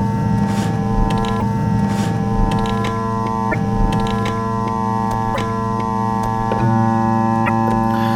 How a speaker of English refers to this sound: Donc c'est la radio qui écoute l'alimentation des horloges.